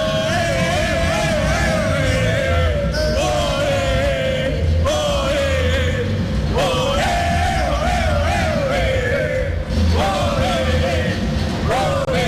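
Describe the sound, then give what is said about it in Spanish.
Colombia football fans in a huge crowd at the Estadio Azteca shout and chant in unison, rising in loud sustained waves every few seconds over a constant roar of many voices. “Acá lo que, mira cómo están gritando todos los hinchas de Colombia.”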